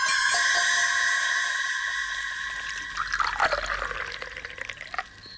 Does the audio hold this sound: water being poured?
yes